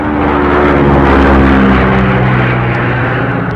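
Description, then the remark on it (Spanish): A light propeller plane drones loudly, its engine hum steady and throaty with a slight shift in pitch as it banks into a turn. No voices are heard. “La avioneta hizo un giro para continuar en la ruta señalada.”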